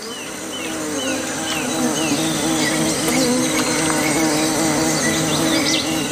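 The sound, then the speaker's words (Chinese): A steady drone of buzzing bees at a small puddle of water on the ground where young white-faced capuchin monkeys drink, with a few faint bird chirps flickering in the background and no voices. “白脸卷尾猴幼崽冒着被蜜蜂蜇伤的风险，埋头汲取珍贵的水分。”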